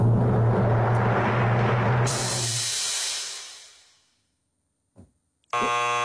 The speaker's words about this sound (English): Is it in the kitchen? Is it in the kitchen? No. I hate this buzzer.